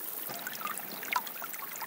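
Water from a spring bubbles and trickles out of rock at the foot of the Bartberg in the Kaiserstuhl, still flowing despite drought, in a steady, gentle stream, with small gurgling splashes rising now and then over the continuous flow. Fairly quiet, no voices.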